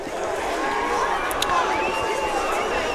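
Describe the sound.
A steady wash of crowd noise at a country football ground during an afternoon match involving Fish Creek, a blend of chatter and murmuring voices with occasional brief shouts, holding a constant level throughout.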